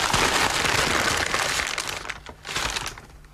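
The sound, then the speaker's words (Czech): Continuous crinkling and rustling of paper as something is unwrapped, with a brief pause before a final burst of crackling handling. “Hevávným papír. No, tak to vybal.”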